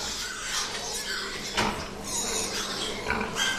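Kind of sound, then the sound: animal, pigs grunting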